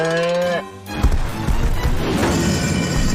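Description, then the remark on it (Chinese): Heavy galloping footsteps of a dinosaur, taken by Farmer Al for a super big horse, thud past in a quick, loud, continuous rhythm, following a brief sustained tonal sound at the start. “没有，我只看到一匹超级大的马跑过去。”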